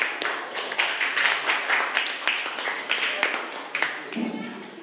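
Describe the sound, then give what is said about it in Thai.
Classroom applause: a group of students clapping steadily in a dense, crackling burst of many hands for about four seconds, then thinning out and fading near the end, applauding the representative of group 3 in a Thai language lesson. “จะเป็นตัวแทนจากกลุ่มที่3ค่ะขอเสียงปรบมือให้กับตัวแทนจากกลุ่มที่3ด้วยค่ะ”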